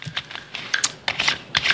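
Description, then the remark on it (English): Fairly quiet typing on a computer keyboard: a quick, uneven run of crisp key clicks in small bursts, with no one speaking. “Bring your butt up here instead of typing.”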